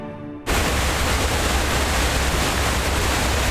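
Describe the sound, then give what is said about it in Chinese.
The Detian waterfall on the China–Vietnam border, which roars day and night, bursts in after a brief, quieter opening and holds as a loud, steady, dense rush of crashing water that fills the scene without a break. “东越边境水砸出来的地方，得天瀑布日夜轰鸣，而山脚下的硕龙镇却藏着另一场味觉风暴。”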